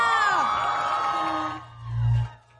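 A crowd cheers and whoops loudly, dense and continuous for about a second and a half before fading, followed by a low rumbling swell near the end.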